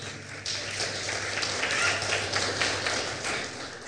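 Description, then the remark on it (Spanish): A crowd claps steadily in praise of God, a dense patter of many hands filling the whole stretch at an even, sustained level with no voices standing out, under a low steady hum. “Denle un fuerte aplauso al Rey de Reyes y Señor de Señores.”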